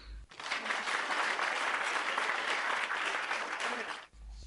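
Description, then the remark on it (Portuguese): A burst of audience applause, steady dense clapping that starts abruptly, holds at an even loud level for about four seconds, then cuts off sharply. “Muito bem, palmas para vós.”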